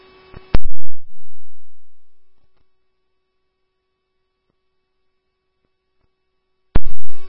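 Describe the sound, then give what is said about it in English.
Fire dispatch alert tones for Oakdale Station 1AF, sent for an unknown medical call: steady pitched tones held under a low hum, bracketed by harsh bursts of radio static at the start and end, with no voices. “Oakdale Station 1AF, these are your tones for the unknown medical at 3504 High Point Drive North, time is 1709.”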